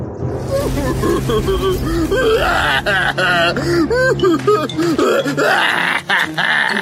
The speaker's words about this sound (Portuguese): E foi naquele momento que ela ouviu um som estranho vindo do dragão. O quê? Esse dragão está chorando?